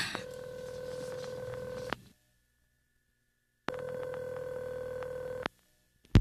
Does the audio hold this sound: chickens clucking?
no